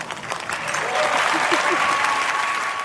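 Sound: audience applause and cheering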